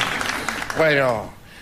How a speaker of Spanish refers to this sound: Y cuando mencionemos la Luna van a aplaudir todos. ¡Estamos en la Luna! Por primera vez, La Venganza Será Terrible, transmitiendo desde aquí.